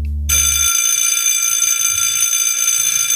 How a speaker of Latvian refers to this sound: Kādas sajūtas tev ir sadzirdot to skolas zvanu?